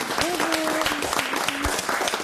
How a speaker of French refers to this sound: On peut les applaudir.